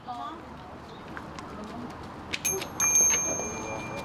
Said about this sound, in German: Mit dem Läuten des Glöckchens stellt der Priester die Verbindung zum Überirdischen her. Er ist ein Mittler zwischen Göttern und Menschen.